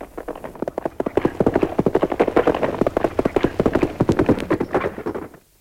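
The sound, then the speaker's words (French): Rapid clip-clop of fast saddled horses' hooves galloping in pursuit of a stagecoach, a dense, driving rhythm of many loud hoofbeats that swells in from the start and fades away at the end. “fait seller les chevaux les plus rapides pour partir à la poursuite de la diligence.”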